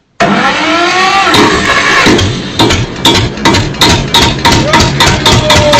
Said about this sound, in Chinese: 你说的手扶拖拉机这个时间该来就来了。